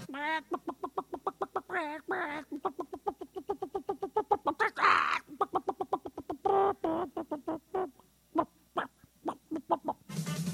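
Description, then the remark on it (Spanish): A human voice imitates a clucking hen, rattling off a long run of quick, rhythmic clucks and squawks, with a few higher squawky bursts mixed in. “Así es, quiere mandar saludos con el idioma gallesco. Bueno, el idioma del cuacuarascuascuascuas, ¿no?”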